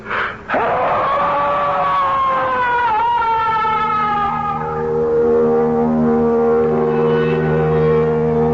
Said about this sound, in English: And there, at the bottom of the lake, I saw something that flooded me with feeling. Rage, impotence, and despair. I heard myself scream.